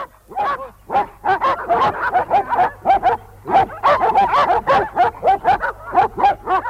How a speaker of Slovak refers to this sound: Idem sa pozrieť na psov.